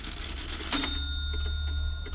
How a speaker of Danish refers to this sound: Et ur tikker i stuen, og ellers er der rimelig stille omkring dig.